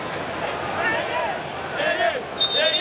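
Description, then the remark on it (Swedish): A dense stadium crowd of Congo football fans roars continuously during a match against England, with scattered rising and falling chant-like voices and whistles, and a faint thumping of the fans jumping and bouncing together, swelling louder toward the end. “Det är Kongofans som hoppar och studsar och sjunger.”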